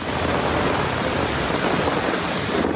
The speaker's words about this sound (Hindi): एक दिन पहले अमरावती जिले में मानसून के बादल इस कदर बरसे कि पूरा शहर ही कुछ देर में पानी पानी हो गया। ये बारिश गर्मी से बेहाल लोगों और किसानों के लिए खासकर राहत बनकर आई।